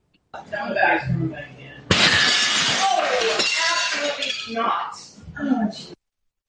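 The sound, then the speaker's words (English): A sudden heavy bang as a person kicks in the door of a coffee shop in Portland, Oregon, followed by a loud burst of shattering glass and tinkling shards, with muffled voices before and after. “Okay, did you hear after the door got kicked in, there's some Karen in there who was like, absolutely not.”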